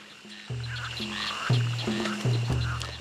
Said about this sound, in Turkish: Bir kurbağa sesi duydum sanki. Bir kurbağa göleti.